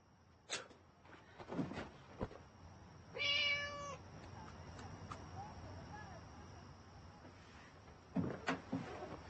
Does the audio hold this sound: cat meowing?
yes